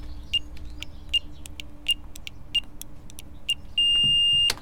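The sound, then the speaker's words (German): A series of short, high electronic beeps at an even pace as the code 1, 3, 0, 5 is pressed on a door keypad, with faint clicks between them, ending in one long steady confirmation tone as the door opens. “Es hat geklappt, die Tür ist offen.”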